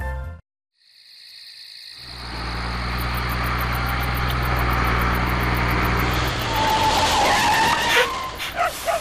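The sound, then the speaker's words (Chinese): After a brief sound and a moment of silence, a heavy truck's engine roars up loudly, droning steadily while high-pitched tire squeals and skidding cut through for several seconds, on a patrol access road above a buried pipeline where heavy trucks are prohibited. “这里是埋地管道上方巡查便道，重型卡车禁止通过。”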